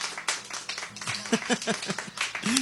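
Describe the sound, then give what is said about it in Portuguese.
A crowd applauds for the second anniversary of the radio program Sertão Evangélico, with dense, steady clapping that fills the whole stretch, while voices briefly call out or speak over the noise. “Eu quero ouvir os aplausos”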